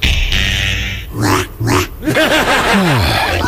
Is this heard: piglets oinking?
yes